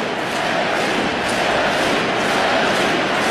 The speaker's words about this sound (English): And the crowd here at American Family Field with the Yelly chants.